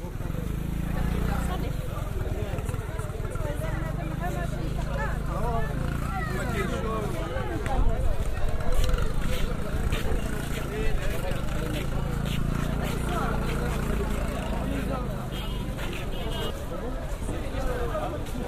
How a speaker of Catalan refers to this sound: perquè ara segurament els oients escoltarien una moto, saps, que sona i dius, que fot una moto a la platja. No, és al mercat del peix.